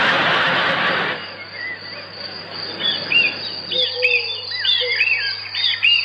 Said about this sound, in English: Well, looks like summer's here at last. Birds singing in the garden and Dad trying to light the barbecue.